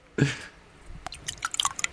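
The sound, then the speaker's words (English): Wet, sputtering dribbles of liquid trickle and spatter as a man dribbles a mouthful of water back into a glass, letting it out in irregular drips and splashes that mimic the sound of urinating. “He's got his mouth full of water and trying to make a piss noise, but dribbling it back into the glass.”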